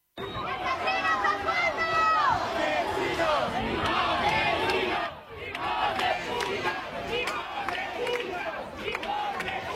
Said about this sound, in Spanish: activistas radicales aquí concentrados que no han dudado en intentar romper el cordón policial, empujándoles e insultándoles con gritos de asesinos, fascistas, sinazis. Esto es lo que decían.